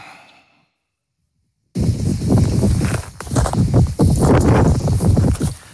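Wind buffets a microphone in loud, rough gusts at the scene of a wildfire in the Minervois, a rumbling, crackling roar that rises and falls after a brief silence. No one speaks.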